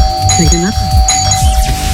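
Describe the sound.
A doorbell sound played on air by Hitrádio Zlín for a listener contest rings with a steady, sustained electronic tone for the whole two seconds while people talk loudly over it.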